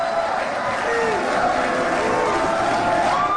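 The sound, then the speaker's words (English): A large crowd reacts with a steady, dense wash of murmuring and scattered voices, fairly loud and continuous throughout without any single voice standing out. “You can tell by the reaction of the crowd, they've heard this Natalie thing before”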